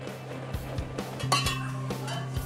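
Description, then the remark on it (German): About 70 glasses clink and rattle against each other repeatedly in an irregular rhythm as they are carried with bottles and decorations to a hospital ward for a cocktail bar, bright ringing tinkles over a steady low hum. No one speaks. “Rund 70 Gläser müssen mit rüber, Flaschen und Deko, bis im Krankenhaus oben auf der Station alles wieder ausgepackt wird.”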